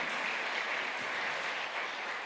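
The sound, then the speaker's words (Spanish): An audience applauds the Lord steadily, a dense wash of many hands clapping with no distinct beats, sustained evenly at moderate loudness for the whole stretch, with no voices standing out. “¿Cuánto le damos al Señor ese fuerte aplauso?”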